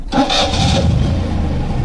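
An engine cranks and catches, then settles into a steady, loud rumbling idle, with no talking over it.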